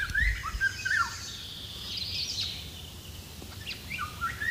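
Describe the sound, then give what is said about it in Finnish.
Flute-like whistled song of a Eurasian golden oriole, several short fluty phrases with quick rising and falling notes, heard outdoors over a steady low background hiss. “Myös huilumaisessa laulussa on mustarastasmaisia piirteitä.”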